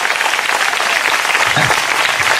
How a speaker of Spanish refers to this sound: fuerte aplauso al Señor en esta hora.